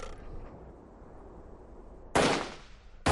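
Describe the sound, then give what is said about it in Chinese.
A low, steady rumble gives way to a sudden loud burst of gunfire with a decaying crack, then a second sharp, forceful shot right at the end, as a battle against Japanese troops opens with a signal shot and gunfire erupts along the whole position. “战斗终于打响了”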